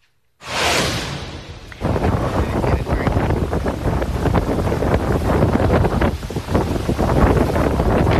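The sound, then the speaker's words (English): Loud, roaring wind from Hurricane Isaias buffets the microphone in a steady, rumbling blast, rising in gusts after a brief hissing rush at the start, with rain blowing sideways and no voices over it. “Wow, you can hear that wind and you can see all of that rain moving sideways.”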